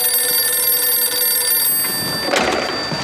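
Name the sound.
telephone ringing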